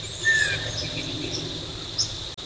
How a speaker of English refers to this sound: You that chip now? It's a northern water thrush.